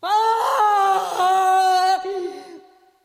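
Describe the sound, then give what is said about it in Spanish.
A loud, anguished scream from a condemned woman as she mounts the scaffold, with a wavering, drawn-out pitch, lasts about two seconds, then fades into a trailing moan. It's a single cry with no other sounds. “Pero al subir al patíbulo, alza la faz con espanto y reconoce su casa, y se yergue, y de sus labios brota un terrible alarido que a todos infunde pasmo.”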